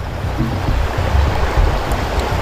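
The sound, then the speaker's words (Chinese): A thin stream of water pours steadily through a small pierced hole in a bottle of mineral water into a model river valley, a continuous trickle and splash with a low rumbling edge, lasting the whole moment with no voices. “对，你看这是一瓶矿泉水，我们先不能直接倒，要给扎个孔吗？ 对，咱们扎个孔，用个细小的水流，跟这个缝差不多的就是一个比例。”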